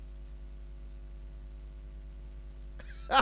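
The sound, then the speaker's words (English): A low, steady electrical hum runs for a few seconds before one sudden, loud sneeze bursts out right at the end. “How are you, brother? Bless you, man.”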